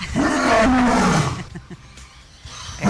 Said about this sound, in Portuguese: É assim que é o rugido do leão?